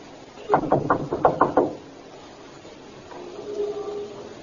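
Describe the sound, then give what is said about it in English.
A quick run of six firm knocks on a front door by police officers, evenly spaced in a steady rhythm, followed by quiet with a faint low murmur toward the end. “Knock again.”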